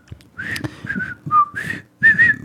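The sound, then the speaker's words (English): Someone whistles a bouncy TV theme tune, a few short melodic phrases with brief gaps, the notes clear and fairly loud over light background noise. “Wet your whistle. You ready?”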